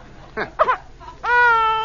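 A baby lets out two short fussy whimpers, then breaks into a loud, sustained high-pitched wail that rises at the start and holds steady to the end.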